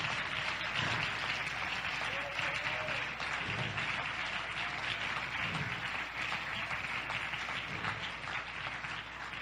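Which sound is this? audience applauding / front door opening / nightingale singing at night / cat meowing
audience applauding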